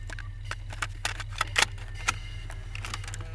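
A cassette player clicks and clatters mechanically as the tape starts playing, to check whether the cassette was rewound, with a string of sharp, irregular clicks over a steady low motor hum, fairly quiet.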